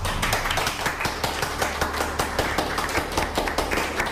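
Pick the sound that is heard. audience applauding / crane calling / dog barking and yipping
audience applauding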